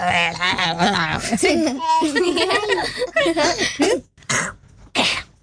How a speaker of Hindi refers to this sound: ये तो खास बच्चे, खांसी हो गई उसको, कब से रब दे रहे हो?